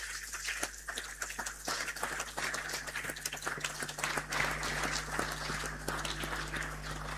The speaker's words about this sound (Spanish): Y también invitamos a la cuarta compañía de bomberos que vengan. Hay alguien por ahí de la cuarta, están presentes. Vamos a darle un aplauso por todo lo que hacen en su servicio.